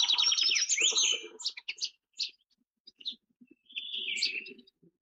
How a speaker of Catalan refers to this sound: En aquest capítol heu escoltat el cant d'aquests ocells. Raspinell, Kertia brachydactyla. Au resident a les zones forestals de tot el curs del riu.